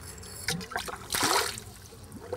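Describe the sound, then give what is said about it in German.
Water trickles and splashes into an animal's water basin, with uneven gurgling spurts and one louder, fuller gush midway before it eases back to a light dribble. “Nicht, dass euch das Wasser zu voll ist.”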